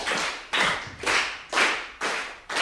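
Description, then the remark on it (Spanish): Hand claps keep a steady 3/4 rhythm, demonstrating the 3/4 part of a jácara, six sharp, bright claps evenly spaced about half a second apart, each ringing briefly before the next, with no voices. “A ver con las palmas cómo sale.”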